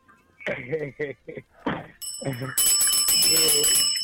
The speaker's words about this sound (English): Oh, let me ring our bell for you.